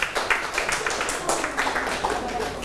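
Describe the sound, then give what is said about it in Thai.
A group of students claps together for a classmate's correct answer, a dense burst of many overlapping hand claps that keeps a steady, slightly uneven rhythm at moderate loudness for a few seconds. “หมวดคำสรรพนามถูกต้องปรบมือให้เพื่อน”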